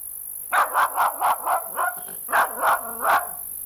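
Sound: dog barking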